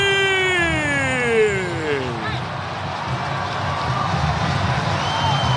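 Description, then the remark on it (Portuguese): A football stadium crowd applauds and roars steadily throughout after Rony's shot hits the post, a dense wash of noise, while a loud tone glides downward in pitch over the first two seconds before the crowd carries on alone. “Rony carimbou o poste, a galera aplaude o Rony, hein?”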